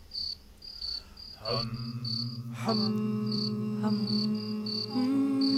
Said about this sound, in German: Na, summt ihr euch ein bisschen Mut an?